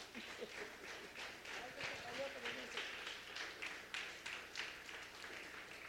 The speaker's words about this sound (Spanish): Fuerte el aplauso.